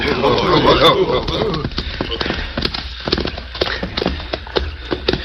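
Several horses' hooves thud and clop unevenly as they are urged into a dense thicket at a stream, with crackling and rustling undergrowth, busiest and loudest at the start before settling into scattered steps.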